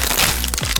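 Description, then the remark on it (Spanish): Loud, crisp crunching of Crunch brand tortilla chips, a Costa Rican product by Instamasa: a dense crackling texture punctuated by a few sharper snaps near the end, with no voices present. “Las tortillitas chips más crujientes, saludables y sabrosas.”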